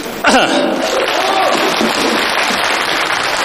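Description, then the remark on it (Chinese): A crowd breaks into loud, sustained applause after a brief sharp onset, dense clapping continuing steadily for several seconds with no voices on top. “如果在我表演的过程中出现了一点瑕疵的话呢，我给您一个信号，我如果忘词了我就我咳嗽一声就说明我忘词了，您呢帮我鼓鼓掌掩盖一下这个尴尬行吗？”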